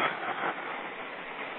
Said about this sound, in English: storm's coming in. I just saw a subway roll past. I think that's probably one of the last ones I'm going to run today. I'm standing at, this is PPT 125076, 34th Avenue, 31st Street.